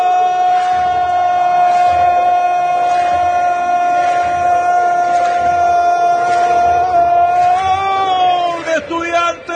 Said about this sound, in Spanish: Apareció Valiente, Valiente para el cabezazo, saltaba Jason Moreno y saltaba Valiente, no llegaba el colombiano y Valiente fue a buscar el cabezazo, Valiente para el grito de gol, Valiente para el descuento